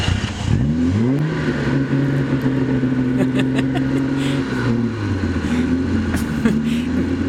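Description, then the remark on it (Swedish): The engine of an old dark green Jaguar D-Type car, made in 1955, revs up sharply, holds a steady throaty drone, then drops and revs again near the end, loud with a rough, rattling edge. “Vi tar oss från järnvägen till bil, till bilar, till gamla bilar hör jag.”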